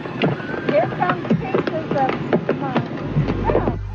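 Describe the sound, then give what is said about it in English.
Chunks of rotten whale blubber rain down on spectators in a rapid, irregular patter of heavy splats and thuds, loud and continuous, while the spectators' excited voices babble underneath. “you're hearing are the chunks of rotten whale blubber raining down on the spectators.”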